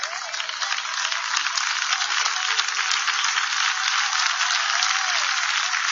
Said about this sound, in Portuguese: Mais forte as palmas para o Senhor.